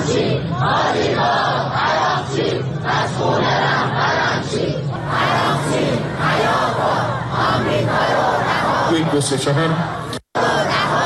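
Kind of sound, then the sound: crowd, protest crowd shouting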